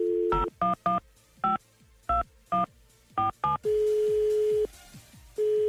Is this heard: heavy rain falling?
no